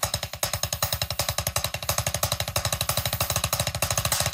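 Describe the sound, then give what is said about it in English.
A drum paradiddle rudiment, a foundational drumming technique combining single and double strokes: a rapid, even stream of loud stick strokes on a drum, about ten hits per second, in a steady driving pulse with no talking over it. “It's a foundational drumming technique that combines single and double strokes, and it sounds a little bit like this.”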